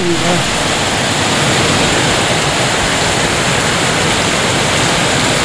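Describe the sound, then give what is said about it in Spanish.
Heavy rainfall pours down in a dense, unbroken hiss that stays loud and even from start to finish, with no voices or other sounds breaking through. “Esta sí que es lluvia por Rosita.”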